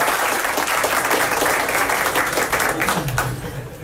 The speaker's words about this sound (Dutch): Je mag applaus.